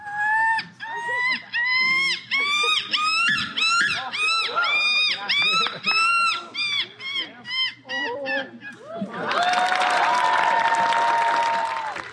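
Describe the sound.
A contestant at the Rocky Point Bird Observatory's second annual Scream Like a Gull competition in Victoria, BC imitates a screaming gull with a long run of loud, piercing, yelping calls in quick rhythmic bursts, then the crowd breaks into cheering and applause.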